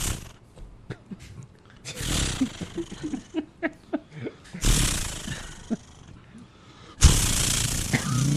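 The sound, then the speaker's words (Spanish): A voice imitates a chainsaw being started: short sputtering pulses between three loud, rasping roars that surge and cut off, like repeated pull-starts revving up. “No, es una motosierra. Que hay que prenderla.”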